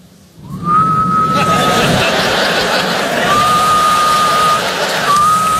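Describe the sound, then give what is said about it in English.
A thin, feeble attempt at a dad whistle: a steady, flat tone held briefly, then repeated twice more, while an audience laughs and chuckles loudly throughout. “I don't have that dad whistle. I don't have it. This is my dad whistle.”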